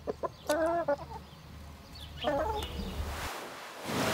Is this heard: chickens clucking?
yes